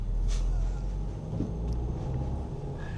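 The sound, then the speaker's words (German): A car drives through city traffic on a detour around a construction site, its engine and road noise forming a steady low rumble that continues throughout, with a faint higher whine near the end. “Salim muss einen Umweg fahren wegen einer Baustelle.”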